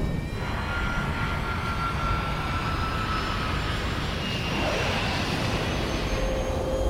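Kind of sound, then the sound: vehicle, jet airplane taking off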